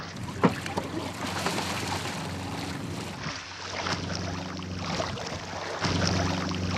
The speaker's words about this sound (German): Trotz auffrischendem Wind und Wellengang.